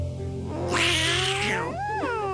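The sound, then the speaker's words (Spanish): A black cat lets out a loud, harsh screech after its tail is stepped on, rising sharply and holding for about a second, followed by a shorter wavering yowl, all over a steady low hum. “¡Qué grito de gato, compadre!”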